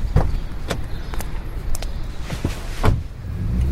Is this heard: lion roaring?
no